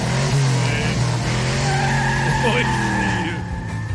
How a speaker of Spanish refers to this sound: ¡Qué feo suena tu carro, güey! Le hace falta el cambio de aceite, güey. Sí. Se anda ahogando, menso. Sí, también el carro es que lo aceleré muy gacho, por eso,